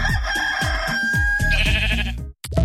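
A rooster crows loudly and at length over a steady, rhythmic low thumping, followed by a brief silence and a short, sharp sheep bleat at the end.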